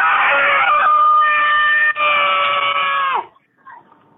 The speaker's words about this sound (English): We need you to let out the scariest, creepiest, most blood-curdling scream